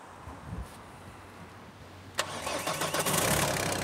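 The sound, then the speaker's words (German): A car engine cranks briefly during a jump start, then catches with a sharp burst and settles into a steady, rumbling idle, loud and continuous for the rest of the moment with no voices. “So, probieren Sie jetzt noch mal. Also wenn es jetzt nicht reicht, dann müssen wir tatsächlich mein Auto nehmen.”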